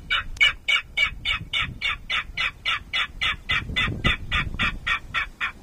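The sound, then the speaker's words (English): A recording of rail calls played on a loop as loud as 95 decibels to attract Yellow, Sora, Virginia and King Rails: a rapid series of harsh, rhythmic calls repeats steadily, about four per second, loud and grating over a low rumbling background, with no talking. “Brewer says he plays the recordings as loud as 95 decibels, which is about the volume of a motorcycle engine.”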